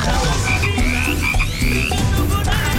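A loud, continuous chorus of frogs croaking, with low, buzzy, overlapping calls and some higher chirping trills above them, with no talking.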